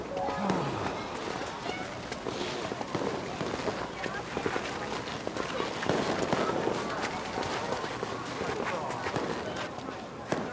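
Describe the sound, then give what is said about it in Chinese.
Fireworks set off around Chinese New Year crackle and pop in a dense, continuous barrage of sharp bursts that keeps going steadily, with voices faintly audible underneath. “哎，都放烟花了，有点过年的氛围了哈。”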